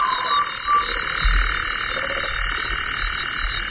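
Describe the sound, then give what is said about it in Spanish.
Low, throaty toad croaks sound now and then against a steady, dense hiss of night insects, the calls fairly faint and irregular with no voices present. “Y un sapo, ¿eh? También hay sapo.”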